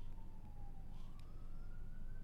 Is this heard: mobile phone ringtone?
no